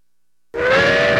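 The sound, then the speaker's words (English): A loud train whistle blasts in abruptly after half a second of silence as the morning train leaves the station, holding a steady, slightly rising chord of bright tones with a breathy hiss underneath. “The morning train is leaving the station.”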